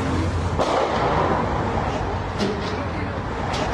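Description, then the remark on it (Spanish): Several sharp gunshots crack out at irregular intervals, a couple in quick succession, over steady street noise with indistinct voices in the background. The shots are fired a few meters from where an official inspection is being carried out. “Pues son balazos.”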